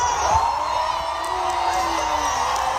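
A large concert crowd in Paris cheers and roars steadily after the singer stopped her show to tell them England had just scored, a dense wash of shouting and whooping voices that holds at a loud, even level throughout, with a few higher cries rising above the din.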